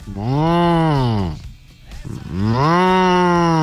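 A cow lets out two long, loud moos, each rising and then falling in pitch, separated by a short pause. No other sounds accompany them.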